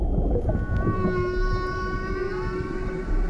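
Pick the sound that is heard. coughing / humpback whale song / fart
humpback whale song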